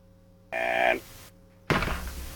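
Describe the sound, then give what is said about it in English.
A short tonal squeak is followed by a sudden, loud bang, like a gunshot or a cupboard door slamming, with a rumbling tail that lingers to the end. No one speaks. “Gunshot is what I hear. Or it's either a door or like a cupboard slamming.”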